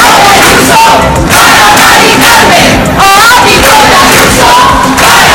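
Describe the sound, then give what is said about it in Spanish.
A loud crowd at a housing protest in Santiago chants together in unison, 'el ático de Ayuso para Mari Carmen', many voices blending into a dense, continuous roar with rising and falling shouted lines throughout the few seconds. “También aquí en la ciudad se ha escuchado ese cántico, el ático de Ayuso para Mari Carmen, concentración en el Tourral para reclamar políticas que permitan un acceso a una vivienda digna.”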